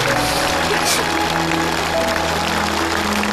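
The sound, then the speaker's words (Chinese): A studio audience applauds in a dense, steady wash of clapping that holds at an even, fairly loud level for a few seconds, with faint tonal sounds running underneath. “你们其实是帮助一个离开家的孩子重新找回了家，你们帮助了一次团圆，我们应该给你鼓鼓掌。”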